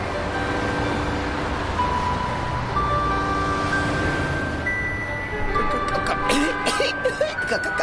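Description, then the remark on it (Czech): Busy street traffic roars steadily, with cars rushing past in a continuous dense rumble and engine hum. Near the end, a few sharper sounds and possible voices break through. “Rovnou do chuchvalců kouře z výfuku aut, která se po ulici nepřetržitě hnala jako divá.”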